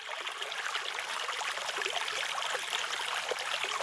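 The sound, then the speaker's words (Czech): A brook flows steadily and continuously, its bright, hissing babble of water even in level, with no voices or other sounds. “Ta voda stoupala, jak potůček Rokyťák přiváděl vodu z Hůrky rovnou do Pardoubku.”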